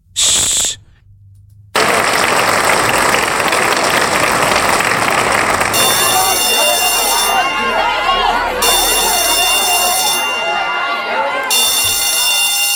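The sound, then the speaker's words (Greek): A theatre audience breaks into loud, sustained applause, and partway through, three bright bells begin ringing over the clapping, continuing to the end. “το χειροκρότημα με το σου και τα τρία κουδούνια, πού είναι?”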